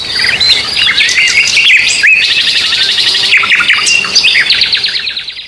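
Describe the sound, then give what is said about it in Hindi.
A dense chorus of birds chirping and trilling continuously in the green valleys of Shivpuri, many overlapping high calls, loud, with no one speaking. “यहाँ की हरी भरी घाटियां और पक्षियों का वैविध्य नयनाभिराम है और कलरव श्रवणीय है।”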